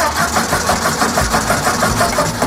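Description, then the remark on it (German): A petrol car engine turns over and runs with a steady, rhythmic chugging, loud for a couple of seconds, with no voices. “1886 hat Karl Benz in Mannheim den allerersten benzinbetriebenen Wagen der Welt gebaut.”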